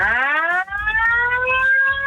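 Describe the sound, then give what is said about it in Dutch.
A toy horn is blown on a Radio 5 broadcast. It blares one continuous, buzzy note for about two seconds, its pitch sliding up slightly at the start and then holding steady. It is loud and rich in overtones, with no voices. “We hebben een toeter.”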